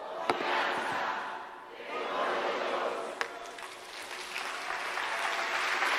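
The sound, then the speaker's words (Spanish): An audience applauds in a steady, dense wash of clapping that swells, dips briefly, then builds again, with a couple of sharp louder claps standing out and no clear speech. “No aplauda, espere.”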